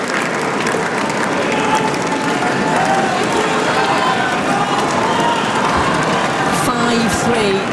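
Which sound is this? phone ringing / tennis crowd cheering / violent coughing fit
tennis crowd cheering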